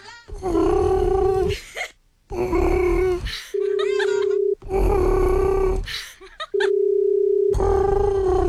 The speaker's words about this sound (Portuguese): Olha, até o toque, o barulho de chamar lá no Japão é diferente. Parece um pombo.